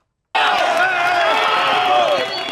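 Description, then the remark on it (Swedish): A large crowd cheers, shouts and cries together as a woman is rescued alive from earthquake ruins in the village of Pereira after more than a day; a loud continuous wall of excited voices starts abruptly and carries on steadily, with individual cries rising out of the mass. “Ja, det är ju jubel och gråt om varandra för de klarar att finna folk i live efter över ett dygn.”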